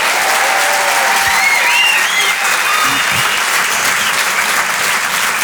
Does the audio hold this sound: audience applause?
yes